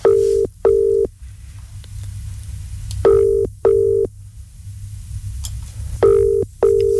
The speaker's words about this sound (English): Right, let's make the phone call. Here we are. Here we go. Oh, it's ringing. That's a good start.